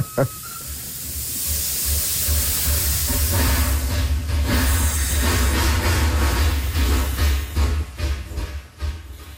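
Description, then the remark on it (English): A steam locomotive rumbles past with a heavy low-end chug while loud hissing bursts of steam vent from the engine, rising and then thinning out as it moves on. “And it's the steam coming out of the engine. So he would stop and stop teaching until the train went by.”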